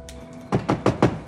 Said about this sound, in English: She looks up to see Zig knocking on the window. Maya steps over her project and opens the window, glancing back at her door.